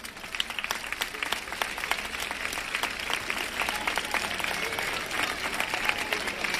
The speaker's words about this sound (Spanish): Muchísimas gracias porque desinteresadamente estáis colaborando y ayudando para que el día de hoy sea un día especial e inolvidable para todos. Gracias, voluntarios. Un aplauso.